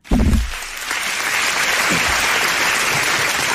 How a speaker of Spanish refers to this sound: Con aplausos y todo. Muchísimas gracias.